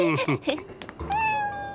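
A cat meows several times in quick succession, fairly loud, followed by a longer drawn-out meow with a steady tone near the end.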